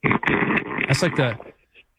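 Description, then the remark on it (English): A sleeping man in Minneapolis, Minnesota, snoring loudly, a single long rough, rattling snore that lasts over a second and a half, with a grunting, fart-like quality before trailing off into quiet. “That's like a fart snore when he does that.”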